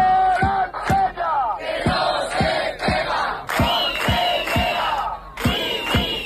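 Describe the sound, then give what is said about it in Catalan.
A protest crowd of dozens of people gathered at the doors of the Conselleria (regional ministry) to condemn an assault shouts together in loud, rhythmic chants, many voices rising and falling over a steady pulse of sharp beats roughly twice a second, with no single voice standing out. “Desenes de persones s'han concentrat a les portes de la Conselleria per condemnar aquesta agressió.”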